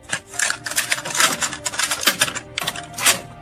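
Rapid plastic clicks and clacks of a cassette tape being handled and snapped into a case, fairly loud in quick irregular bursts with no voices.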